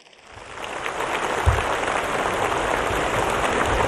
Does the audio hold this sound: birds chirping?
no